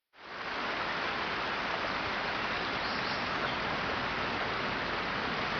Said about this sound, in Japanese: 青森県黒石市青鬼温泉。黒石の南東、青鬼川上流にある山あいの温泉です。